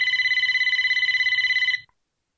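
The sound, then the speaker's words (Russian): A shrill telephone bell rings once in a rapid, buzzing trill for nearly two seconds, loud, then cuts off into silence. No one speaks. “Вдруг пронзительно зазвонил телефон.”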